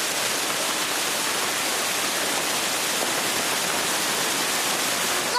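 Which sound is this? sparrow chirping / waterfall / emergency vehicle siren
waterfall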